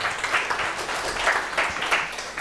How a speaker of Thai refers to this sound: ปรบมือเพื่อนหน่อยครับ